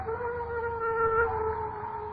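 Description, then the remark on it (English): A dog howls in one long, steady, mournful note that holds its pitch and swells slightly in the middle, heard alone at moderate volume. “Dogs howl when ghosts walk.”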